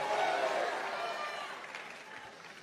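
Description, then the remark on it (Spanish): An audience at a preaching service, called on to shout and make noise, shouts and cheers together in a sustained, noisy roar that is loudest at the start and gradually tapers off, with mixed voices blending into a dense wash of sound. “¡Alguien grite! ¡Haga bulla! ¡Diga algo!”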